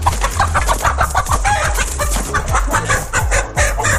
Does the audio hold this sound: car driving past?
no